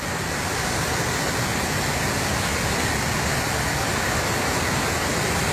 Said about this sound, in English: Yep, lots of hail and heavy winds, extreme winds in parts.